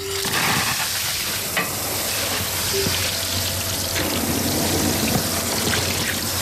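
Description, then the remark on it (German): Water sprays steadily from a hose or watering wand onto panicle hydrangeas at a garden centre in Hagen im Bremischen, Lower Saxony, Germany, a continuous hiss and patter with a faint low hum beneath and no talking. “Blumen gießen hier im Gartencenter Döscher in Hagen im Bremischen.”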